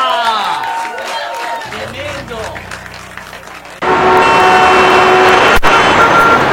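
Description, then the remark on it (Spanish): Wavering tonal sounds give way midway to a sudden, loud, dense wash of crowd applause for a band that holds steady until the end. “Un aplauso para la banda, loco, increíble.”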